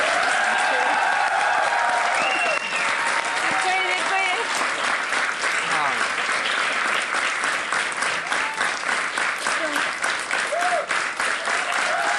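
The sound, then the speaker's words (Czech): Sustained audience applause for a guest at the Koťák Live show fills the whole stretch, a dense, steady clatter of many hands clapping at full volume, with a few voices speaking and calling out over it. “Dámy a pánové, velký potlesk pro našeho hosta”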